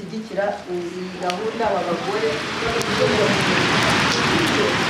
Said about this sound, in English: For most of the week, it's been bright and sunny, but on the final day, the rain is drumming on the hall roof as I sit in the retreat room